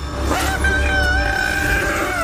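A loud, sustained, wavering trumpet-like bellow with strong harmonics, rising and holding for about two seconds over a low rumbling background: a young elephant's angry trumpeting, drawing tourists to it.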